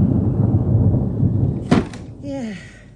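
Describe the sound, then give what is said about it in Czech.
A low, steady rumble builds for a moment before a single sharp thunder crash breaks through, followed by a brief whistling, descending tone as the noise fades out. “No, chaloupka nízká, hrom do ní tříská.”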